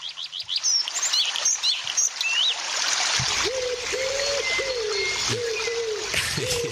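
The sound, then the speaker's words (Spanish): A small waterfall trickles and splashes steadily throughout, with birds chirping over it at first and a series of lower, repeated calls joining in the second half. “pasamos de la cascadita, pasamos de los pájaros, pasamos de la naturaleza a hablar de Caputo y de la economía”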